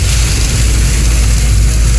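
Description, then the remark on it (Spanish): A steady, dense hiss of sand from a sandstorm pelting a pickup truck driving down to Calama, with a deep continuous rumble underneath and no breaks or pauses throughout. “No sé si alcanza a sentir cómo suena la arena. O tormenta la arena, chuata. En la camioneta.”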